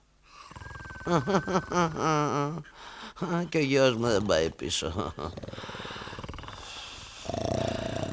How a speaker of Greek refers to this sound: Ακόμα και οι δούλοι ροχαλίζουν.